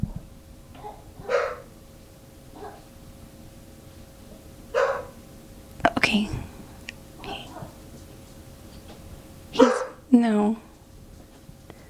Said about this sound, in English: Oh man, do you hear my dog?